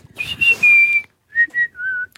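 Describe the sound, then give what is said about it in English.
A person whistles a bird call, two short phrases separated by a brief pause. Each phrase has clear, high notes: a few quick chirps sliding into a longer steady tone, with the second phrase slightly lower. “He was about 8, and I just imitated a bird.”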